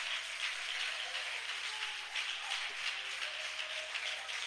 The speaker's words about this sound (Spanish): Dele un aplauso fuerte, fuerte, fuerte a Dios.